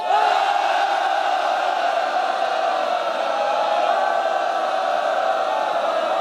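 A large crowd applauds and cheers steadily for about six seconds, a dense, loud wash of clapping with shouts and whoops mixed in, no speech over it.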